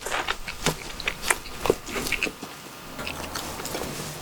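Someone chews with a full mouth, producing wet, crackly bites and smacking in an uneven rhythm for about two seconds, then quieter, steady chewing with no talking.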